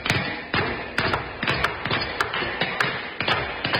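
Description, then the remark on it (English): Lots of hammers pounding nails at once as a studio audience hammers, sharp knocks landing in a loose, overlapping clatter over a dense din, loud with no voices. “What a grand sight to see the studio audience hammering nails into each other.”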